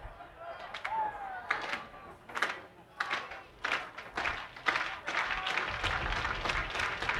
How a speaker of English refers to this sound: The 1-2, and it is just off the outside corner. Crowd wanted the call, and the Clippers are out of challenges, so they don't have the ability to do anything about it if they feel a call is unjust on balls and strikes.